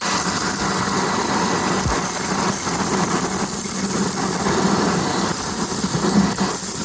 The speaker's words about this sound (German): Ja, und die nächsten Sekunden gehören mal hier dem Staubsauger. Bitteschön.